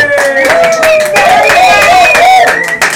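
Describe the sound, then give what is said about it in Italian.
The audience at Hub 52 in Ancona applauds steadily for about three seconds during a live recording of Cosmic Salsa Radio Parsec, dense clapping mixed with loud sustained cheering and whooping voices that rise and fall in pitch. “La voce che se, le voci che sentite, l'applauso, è il meraviglioso pubblico dell'Hub 52.”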